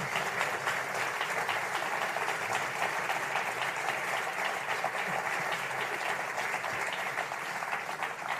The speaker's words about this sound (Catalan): I per acabar, aquest últim tema es deia 4. Número 4. Un aplaudiment, sí.